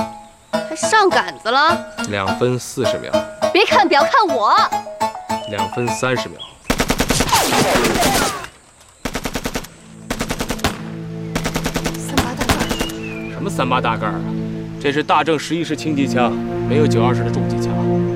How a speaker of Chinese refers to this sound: 什么三八大盖啊？这是大正11式轻机枪，没有92式的重机枪。